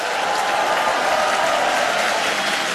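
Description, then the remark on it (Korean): Steady, dense applause from an audience at a Far East Broadcasting event, a continuous crackling wash of many hands clapping at an even loudness throughout, with no voices over it. “더 크게 박수 보내주시죠.”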